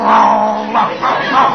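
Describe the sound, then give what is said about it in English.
A man down on all fours imitates a dog's growl, copying the dog, a rough, sustained snarling rumble with a couple of surges, fairly loud, with no other sounds around it. “He growls, so I'll growl.”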